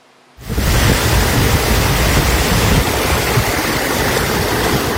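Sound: rushing floodwater torrent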